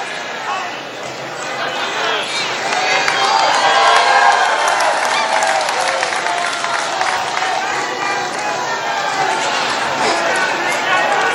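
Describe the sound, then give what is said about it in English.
A large crowd at a political rally roars and shouts steadily throughout, a dense wash of many voices with scattered individual yells rising out of the noise, loud. “A lot of crowd reaction. You heard somebody there just yell, FCNN.”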